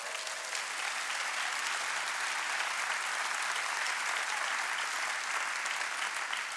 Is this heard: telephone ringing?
no